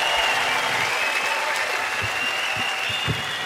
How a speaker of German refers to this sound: Applaus! Danke, super.